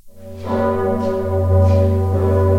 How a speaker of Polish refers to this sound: Dzwon Zygmunta no jest jednym z piękniejszych instrumentów. I to wszyscy podkreślają. Turyści dzisiaj, którzy przyjeżdżają i słuchają tego dzwonu, jak my kończymy pociągać za sznury, to biją nam brawo.